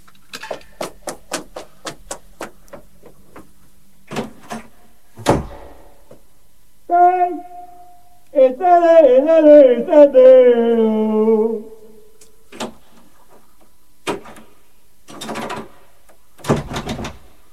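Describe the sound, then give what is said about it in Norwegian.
A jammed door lock rattles in irregular bursts of sharp clicks and knocks, with someone locked out. Partway through, a drawn-out warbling whine briefly takes over before the clatter resumes. “Jeg har låst deg ut. Det er vranglås på døren her nå.”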